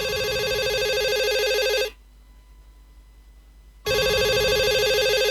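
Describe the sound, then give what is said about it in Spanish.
A cell phone rings loudly for an incoming call from a boyfriend to his girlfriend, with a bright electronic ringtone, two long bursts separated by a two-second pause, clear with no talking. “El novio llama a la novia.”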